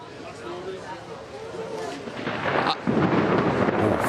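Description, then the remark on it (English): Steady hiss of heavy rain at a small pub in Mexico City fills the scene, then a deep, loud rumble of thunder rolls in partway through and lingers to the end. “Not sure if you can hear that thunder above.”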